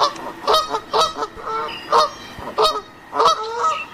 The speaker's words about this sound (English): I've actually got a magpie goose on the line right now.